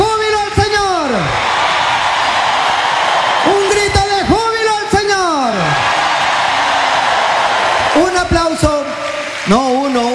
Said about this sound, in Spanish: A ver, ese aplauso, que se caiga este coliseo, este estadio, que retumbe. A ver, hermanos, que retumbe este sitio para alabarlo, para bendecirlo. Gloria a ti, Señor. Aleluya. Él vive, Él vive. Un grito.